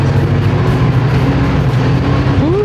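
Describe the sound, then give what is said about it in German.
A steady, loud drone from a vehicle with twin rear tires driving, with heavy low rumble and broad road noise, a faint rising engine whine near the end, no voices. “Das hört man die Zwillingsbereifung, was wir hinten haben, dass wir nirgends ans Rutschen kommen.”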